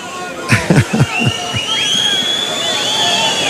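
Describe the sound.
A bullfight crowd whistling, some calling for a pardon (indulto), with several long, shrill whistles gliding in pitch over a steady murmur of voices, after a few brief loud bursts of shouting early on.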